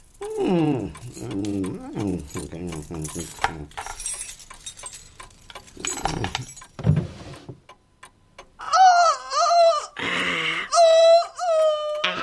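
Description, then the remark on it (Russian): Keys jangle in a pocket with a scatter of bright metallic clinks, mixed among vocal sounds and a later stretch of high, whining tones. “Вот здесь у меня были ключи всю ночь. Слышите? Вот тут, в кармане.”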